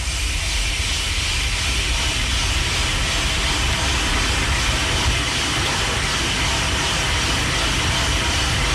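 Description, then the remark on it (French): Coffee beans crackle and pop in scattered bursts as they swell while roasting, over the steady, loud rush of a roasting machine, continuing for the whole stretch with no voices. “Alors, c'est pas un peu de bois, c'est vraiment du café en train de cuire.”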